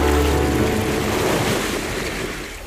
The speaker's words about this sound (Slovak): Kráčame pozdĺž fjordu. Vlny, stále tie vlny.